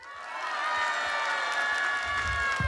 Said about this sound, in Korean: 네, 지금부터 여러분들에게 비트박스 공연을 보여드릴 건데 중간에 신기하거나 멋있는 게 나오면은 큰 박수와 함성 부탁드립니다.